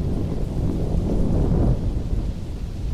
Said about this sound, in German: Ein stetiges Grollen schreckte das Mädchen aus ihrer Konzentration. Es glich nicht einem einzelnen Donnerschlag, sondern vielmehr einem außerirdischen Gemurmel, das fortwährend andauerte.